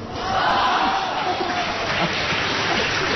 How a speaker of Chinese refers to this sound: 别鼓掌了。